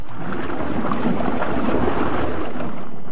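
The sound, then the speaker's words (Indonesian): Steady, loud splashing and churning water around a small rowing boat being paddled hard and fast, with a continuous rushing wash and no voices. “Dengan sekuat tenaga ia mengayuh sampannya lebih cepat.”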